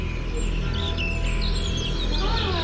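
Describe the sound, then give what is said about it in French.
Birds chirp and twitter continuously, several quick high calls overlapping over a steady low background hum. “Les oiseaux gazouillent.”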